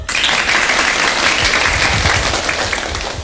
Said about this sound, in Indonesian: Mana tepuk tangannya?